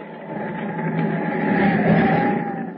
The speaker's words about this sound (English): Outside, the wind howls past the open porthole as the ship plows through a heavy sea to its doom.